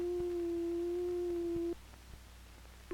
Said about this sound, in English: Built into the synthesizer are a number of oscillators. These oscillators produce sound electronically. Each oscillator produces a different kind of sound with a different wave form. This is a sine wave.